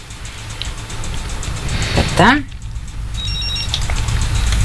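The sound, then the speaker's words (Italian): A short, high-pitched electronic telephone ring trills briefly near the end, moderately clear above a steady background hum, just after a quick rising whooshing sweep. “Cioè, pensate una telefonata?”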